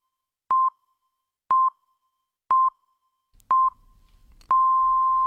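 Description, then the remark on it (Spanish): A radio time signal marking 8 a.m. (7 a.m. in the Canary Islands): four short, evenly spaced electronic pips one second apart, then a longer final tone at the same pitch. The pips are clear, with faint background noise under the last beeps. “Son las 8 de la mañana, las 7 en Canarias.”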